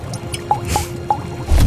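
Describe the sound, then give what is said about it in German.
Three distinct drops of cobra venom fall one after another into a potion mixture at a steady pace, each a small, bright plink, followed by a brief low rumble at the end. “Drei Tropfen von dem Kobra-Gift.”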